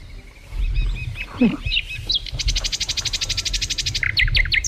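A bird sings a whistling call: a varied warble, then a fast, even trill of high repeated notes, ending in a few sharp rising whistles over a low rumbling background.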